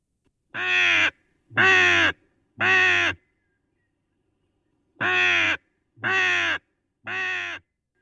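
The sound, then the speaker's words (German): A raven gives six loud, harsh caws in two sets of three evenly spaced calls separated by a short pause. No one speaks. “Andererseits gelten sie und alle ihre Verwandten als Singvögel.”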